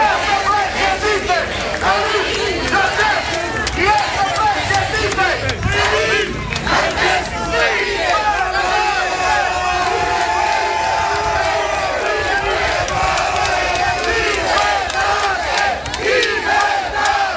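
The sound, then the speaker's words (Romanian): A large crowd of hundreds of supporters cheers and shouts steadily on the steps of the Bucharest Court of Appeal, greeting a former candidate, many voices overlapping in loud, continuous ovation with chanting bursts and whoops rising above the roar throughout. “Dimineață el venise încrezător în fața instanței, mai ales că sute de susținători l-au așteptat cu ovații pe treptele Curții de Apel București.”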